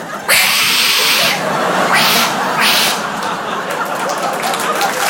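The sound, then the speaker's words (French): A voice imitates an aggressive cat, letting out sharp, loud hissing bursts with snarling, caterwaul-like edges, several spits and growls in quick succession, alone without ordinary speech. “Les chats de là-bas, ça n'a rien à voir. Ils sont balafrés, ils ont des griffes de raptor, on dirait des hyènes schizophrènes.”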